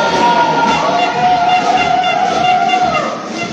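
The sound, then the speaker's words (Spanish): Loud, sustained applause from a crowd, a steady dense patter of clapping with a high whistle-like tone running through it, easing slightly at the end. “Un fuerte aplauso.”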